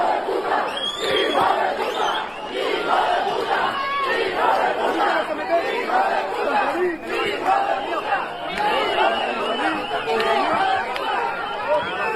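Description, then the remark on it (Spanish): A large crowd of Ceuta residents protesting outside the Hotel Eulice in Ceuta shouts slogans continuously, many voices overlapping in loud, rising chants and cries with no pause, the din staying dense and steady throughout. “Los ceutíes que estaban en esa delegación de gobierno se dirigieron a ese hotel y estos fueron los gritos, las proclamas que estaban lanzando los ciudadanos de Ceuta.”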